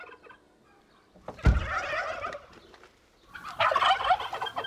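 Turkeys gobble in two loud, rattling bursts separated by a brief pause, the calls overlapping into a busy, warbling chorus as they greet their keeper before she even steps onto the meadow, in Köhlau, Lower Saxony, Germany.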